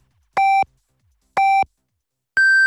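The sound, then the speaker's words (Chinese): Three loud electronic beeps, evenly spaced about a second apart: two short lower-pitched tones, then a higher, longer final tone. This is a radio's on-the-hour time signal marking 10 o'clock Beijing time. No voices. “北京时间10点整。”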